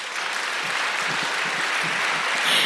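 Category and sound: crowd, audience clapping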